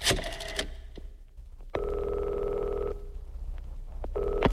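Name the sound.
telephone ringing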